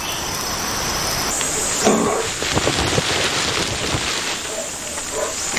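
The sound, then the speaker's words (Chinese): Heavy rain pours down in a dense, steady hiss with scattered pattering drops as the downpour begins to ease, while a thin, high insect buzz runs faintly along the top throughout. “猪笼草巧妙地利用了大雨，随着雨势的减弱，其他生物也有所收获。”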